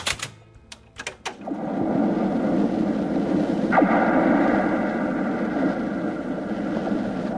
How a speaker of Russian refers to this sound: Это звенят от ветра провода антенн. В Баренцевом море, на далеком маяке, жил наш корреспондент Геннадий Цыпулин.